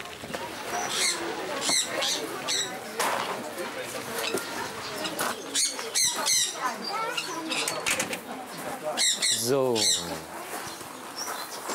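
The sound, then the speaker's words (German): A dense chorus of birds calling in an aviary of a zoo bird house: overlapping high chirps, whistles and trills, with some wing flapping, while a man talks over the steady din. “Größtenteils können wir die Gehege bzw. die Voyeren hier gerade im Vogelhaus so ein bisschen mitgestalten.”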